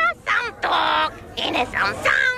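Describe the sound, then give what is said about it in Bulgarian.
Real parrots at Numax squawk in a quick series of loud, harsh calls, one long grating screech followed by several shorter raspy cries and whistling squeals, with no pauses of silence between them. “На място ще срещнеш истински папагали.”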